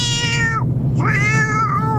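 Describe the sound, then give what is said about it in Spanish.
A cat meows twice, a falling cry followed by a longer, rising and wavering meow, over a steady low background hum. “Si veo un gato, como ha dicho, un gato negro, lo llamo y se viene conmigo.”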